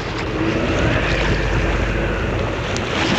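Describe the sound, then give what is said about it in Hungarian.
Oars splash faintly as a rowing boat is rowed against the wind through choppy water toward a large embankment beside a railway station building, buried under a steady, loud rush of wind buffeting the microphone, with no voices present. “Átevezünk a vasúti indóház mellé, a nagy töltésre.”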